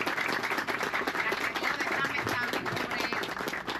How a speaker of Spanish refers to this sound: Por eso vamos a darle un fuerte aplauso al presidente Luis Figueroa.